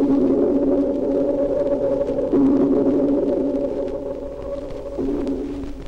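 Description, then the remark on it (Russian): A dolphin's echolocation echo from a dolphin recording slowed down 64 times, rendered as a deep, organ-like underwater drone, loud and continuous for the whole stretch, its tone shifting slightly a couple of times, with no voices. “Сейчас эхо напоминает звук органа или раскаты далекого грома.”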